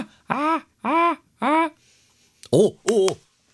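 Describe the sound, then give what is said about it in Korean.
A person imitates a seagull with five short, strained vocal cries, three evenly spaced, then a brief pause before two sharper, higher bursts, loud with no other talking. “갈매기가 어떻게 울지? 걔네 약간 이렇게 약간 걔네도 짧게 약간 복식호흡으로 이렇게 뭔가 뱉어내지 않아요?”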